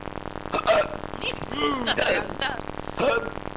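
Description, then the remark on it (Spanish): A boy hiccups loudly, several sharp, abrupt gulps spaced irregularly over a few seconds, with brief voiced sounds between them; he gets these hiccups at midnight. “Señor hipo, ¿no? ¿Qué tal? Le agarra ese hipo a las 12 de la noche.”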